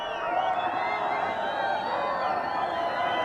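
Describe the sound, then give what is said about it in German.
A dense crowd of spectators at a horse race in Mongolia roars and cheers continuously at steady, high volume as the first riders near the finish, many voices blending into a sustained wall of excited shouting with no pauses. “Wenn sich die ersten Reiter dem Ziel nähern, dann gibt es bei den Zuschauern kein Halten mehr.”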